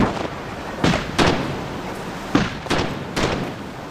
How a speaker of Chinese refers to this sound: 炮声啊，哎，炮声，他们肯定开干了。